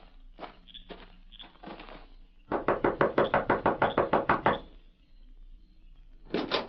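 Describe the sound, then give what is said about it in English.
A quick, steady run of about a dozen loud knocks on the door of a shack, preceded by a few softer, scattered thumps and followed by a short burst of sound after a pause. No one speaks. “You knock on door.”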